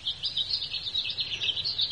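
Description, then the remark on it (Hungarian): A blackbird calls in a steady stream of high, warbling chirps, pulsing rhythmically without a break, fairly soft, as it hops around and pecks, with no voices. “Jár ide egy rigó.”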